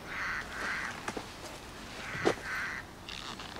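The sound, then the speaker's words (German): A Eurasian jay gives a series of harsh, rasping screeches, about five in an uneven rhythm with short gaps, over a faint background hiss and with no voices. “Das ist ein Eichelherr.”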